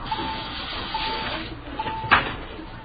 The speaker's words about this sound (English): When I was a kid, I never could figure out what that was. What's that? The auto call system. Call employees to the phone. Rings all over the store, you know.